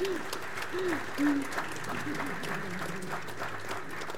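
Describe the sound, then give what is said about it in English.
An audience at an exhibition event breaks into steady, dense applause for the exhibition team and partner representatives, continuing evenly for several seconds, with a few brief voices calling out over the clapping near the start. “So if I can get everyone to give a round of applause.”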